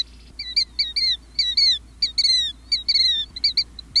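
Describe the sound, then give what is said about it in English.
A killdeer, a North American shorebird, calls repeatedly: shrill, high, downward-slurred cries in quick bursts of two or three, loud, over a faint low rumble of background noise. “That's a killdeer, one of the most widespread and commonly seen shorebirds in North America.”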